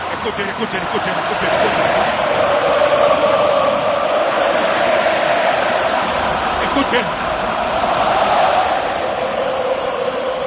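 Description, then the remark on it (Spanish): Steady, loud applause from a large crowd of Austrians during a presentation, a dense hiss of many clapping hands that holds for about ten seconds, with a brief spoken word over it near the start. “Impresiona ver el despliegue, el aplauso de los austríacos.”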